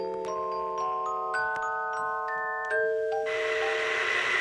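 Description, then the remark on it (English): A bell chime rings out a slow melody of several sustained, overlapping tones, fairly loud, before a wash of broad noise rises at the end. “Well, there's the bell.”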